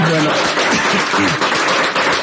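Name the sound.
audience applause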